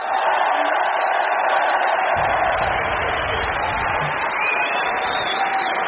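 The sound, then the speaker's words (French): A large tennis stadium crowd at Roland-Garros in Paris claps and cheers for a player after his second-round win, his first Grand Slam victory, in a dense, steady wash of applause that stays loud and even throughout, with no voices standing out. “Allez, le public qui l'applaudit, attention.”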